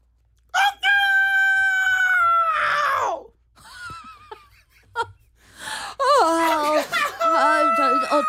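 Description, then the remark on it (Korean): A rooster crows loudly in a long, drawn-out call that drops off at the end. After a short pause with faint sounds, a second, wavering crow follows. “닭 소리가 왜 저러지?”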